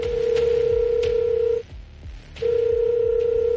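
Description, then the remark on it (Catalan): A mobile phone being dialed and ringing: a steady electronic tone sounds loudly, breaks off briefly partway through, then resumes, with faint tapping clicks running underneath like keys being pressed. “Els més populars són els de Nokia i serveixen per trucar, rebre missatges, SMS i jugar a la SERP.”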